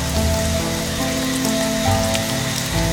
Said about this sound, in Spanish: Mientras caminaba, comenzó a llover mucho y corrió a refugiarse.